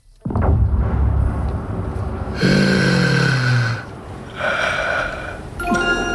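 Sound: agonized heavy breathing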